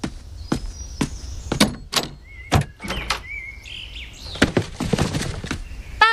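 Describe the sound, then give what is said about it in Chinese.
A front door is opened with a series of sharp latch clicks and knocks after someone rang the doorbell, while faint bird chirps and tweets sound in the background. “儿子，你去开门，可能是快递。”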